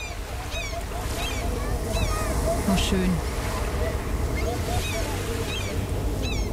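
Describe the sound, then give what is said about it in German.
Steady rush of ocean surf washing onto the shore, with seabirds crying overhead throughout; a voice murmurs briefly over the continuous wave noise. “kurzer akustischer Urlaub jetzt hier in SWR 3 Move”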